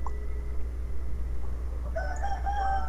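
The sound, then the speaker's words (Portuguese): A rooster crows once near the end, a bright, drawn-out cock-a-doodle-doo over a steady low background hum, with no one speaking. “Ah, nas galinhas. Galinha.”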